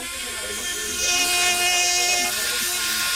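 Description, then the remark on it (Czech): A cordless bone saw, resembling a cordless drill and used to cut sections of bone in orthopedics, runs continuously with a steady, high-pitched motorized whine and a hissy buzz, holding an even loudness for a few seconds with a slight rise midway. “Máte v ruce takovou jako kdyby akuvrtačku, ale vypadá to spíš trošku jako pilka, k čemu to slouží?”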